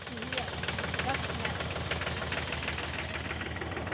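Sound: tractor engine running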